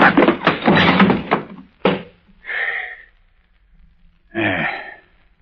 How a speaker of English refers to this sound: Hey, you landed kind of hard, sir. Ah, it serves him right. He ain't moving none. So he got knocked out.